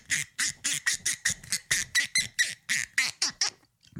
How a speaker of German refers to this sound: Das ist eine Ente. Ich habe eine Ente. Ah, das ist eine Ente erwürgt.